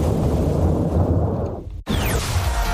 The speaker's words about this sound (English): This rainy season, don't wait for the storm to make the decision for you. When thunder rolls, head indoors.